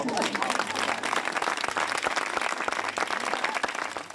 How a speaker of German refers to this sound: Der war echt und nicht geschwindelt, der Applaus.